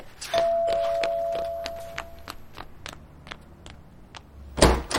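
A front door is opened for a Pizza Hut food delivery, with a chime ringing at the start, followed by a run of light footsteps and clicks, then a heavy thunk of the door near the end. No one speaks.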